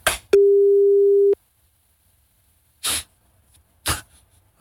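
A single loud, steady telephone ringback tone sounds for about a second while someone phones a person who does not answer, followed by silence broken only by two short, breathy noise bursts, as if waiting on the line.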